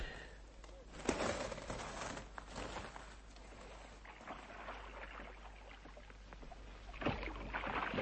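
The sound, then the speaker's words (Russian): Oars dip and splash through water as a small boat is rowed on a lake for fishing, with a few louder strokes over a steady wash of lapping, trickling water; no voices. “Если с лодки, прошу со мной.”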